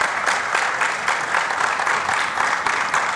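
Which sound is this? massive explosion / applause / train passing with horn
applause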